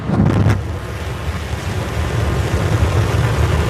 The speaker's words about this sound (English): On a picture-perfect early morning, 33 engines of Starship's Super Heavy booster roared to life.